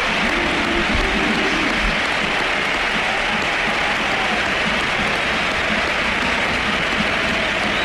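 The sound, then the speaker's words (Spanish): A large football crowd at the Sánchez Pizjuán stadium stands and gives a sustained ovation to Luka Modric. Dense applause and cheering roar steadily for several seconds, loud and enveloping, with no clear voices standing out. “y ovación a Modric, que también le han pegado. Esa ha sido brutal. Mira, escucha.”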